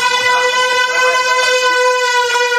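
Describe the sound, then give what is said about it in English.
A loud, sustained air horn blares continuously as people run into a building with it, a harsh steady tone rich in overtones with no pauses and no voices. “You got the air horn, they run in with the air horn.”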